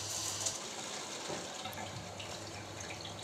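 Water sprays hard from a nozzle fitted to a tap's water connection in a lab, squirting out faster where the passage narrows, in a steady, hissing rush that fills the whole clip at an even level, with a faint low hum underneath and no talking.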